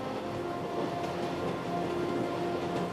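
A passenger train travelling from Sydney towards Adelaide in South Australia, across red earth and sparse grass steppe, rolls steadily along the rails with a continuous low rumble and droning hum, with no talking.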